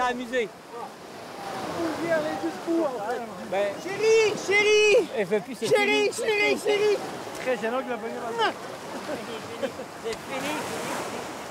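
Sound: sea waves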